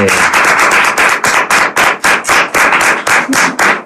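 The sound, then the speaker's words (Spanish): An audience breaks into loud, steady applause for a returning guest, many hands clapping in a dense, crackling rhythm that holds strong for a few seconds without any talking. “Un aplauso, porque ha vuelto por la hombre.”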